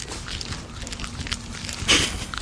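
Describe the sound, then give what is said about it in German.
A baby tree porcupine, with a microphone held up to it, smacks as it eats, producing soft, irregular wet clicks and crackles, with a couple of louder smacking bursts toward the end and no talking. “Ich halte mal das Mikro dran, mal hören, ob er schmatzt.”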